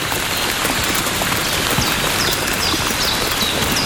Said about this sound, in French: Une pluie fine.